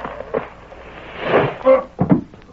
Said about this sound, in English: Somebody fell down from overhead. I seen him. It was one of them boards stretched between the rafters and it broke with his weight.